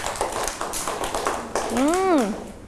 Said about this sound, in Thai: เก่งมากเลยค่ะปรบมือให้กับ